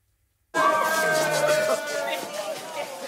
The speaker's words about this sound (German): Sektdusche, Jubel. Umarmungen. Vor der Musterschule in Frankfurt knallen die Korken.